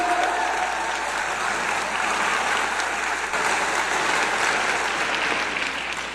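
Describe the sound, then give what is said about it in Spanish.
Sustained applause from a large audience of men, women, children and young people filling a hall, a dense, steady wash of many hands clapping at once that holds at an even loudness for the whole stretch, with no voices breaking through. “Vamos a dar un aplauso, por favor, para todos ustedes los que están aquí.”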